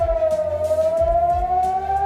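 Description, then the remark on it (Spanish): A loud, sustained air raid siren wails in Tel Aviv in the morning with a steady rising tone, its harmonics ringing out continuously, with low rumbling noise underneath and no voices. “Sirenas en Tel Aviv esta mañana, sonido que vapulea cualquier tregua o principio de acuerdo.”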